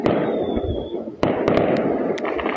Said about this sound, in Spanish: Fuegos artificiales, ráfagas de disparos y barricadas fue lo que tuvieron que soportar los vecinos de Quilicura durante gran parte de la noche.